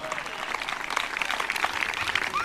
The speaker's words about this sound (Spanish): Afírmese, afírmese, afírmese. Cristo viene, dele fuerte ese aplauso si es para Él. A su nombre.